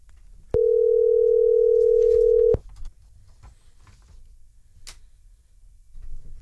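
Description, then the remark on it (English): A single steady electronic ringback tone of an outgoing phone call placed from a radio show to a prize winner, about two seconds long, loud and clear against quiet background noise, followed by faint clicks and low rumble with no one speaking. “Come on, answer the phone.”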